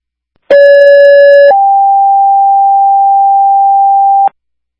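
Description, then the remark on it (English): Fairhaven dispatch paging tones, retoned for an ambulance driver needed for a water emergency call at Ford Drive and Ontario Drive: a loud, steady electronic tone lasting about a second, then a second, slightly higher sustained tone held for nearly three seconds before cutting off abruptly. “If you can retone for a driver for the ambulance, and then the ambulance meet me over on the scene.”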